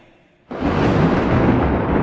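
A sudden, loud roll of thunder bursts in after a brief near-silence and keeps rumbling heavily and steadily, deep, with no voices over it.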